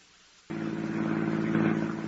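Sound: car driving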